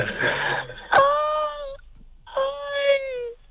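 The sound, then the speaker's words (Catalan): A woman lets out two long, wavering moans, imitating an orgasm, fairly loud, separated by a short pause and preceded by a sharp click and some background rustle. “Però tu despertes els morts, clar, amb aquest orgasme.”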